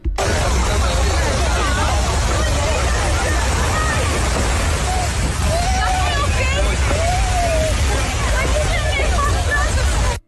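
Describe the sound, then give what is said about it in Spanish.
Desperate people shout and scream for help during a large fire at a tourist hotel in the area known as Vallajibe, over a constant roar of crowd noise, with several loud, drawn-out wailing cries rising above the steady hubbub. “Escuchemos parte de lo que se grabó allí y lo que quedó consignado en medio de los gritos de desespero de las personas buscando ayuda.”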